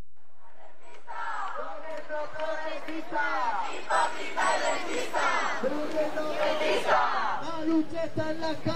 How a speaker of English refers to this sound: Noisy demonstrations are starting now in the capital, Madrid, and beyond. Their protests focused on what many consider to be the country's biggest issue, the high cost of housing.